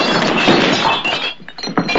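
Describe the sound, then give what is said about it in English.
A gun slides into a cluster of glasses, setting off a loud, dense crash of breaking glass that thins into a few sharp clinks and tinkles as the pieces settle. “Tom slides the gun into some glasses.”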